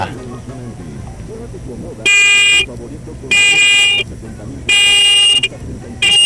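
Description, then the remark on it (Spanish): A Volkswagen Beetle's horn honks in loud, medium-length blasts, three full toots with a fourth starting at the end, evenly spaced over faint background voices. “Va, muñeco, regálame cuatro bocinazos medianitos ahora.”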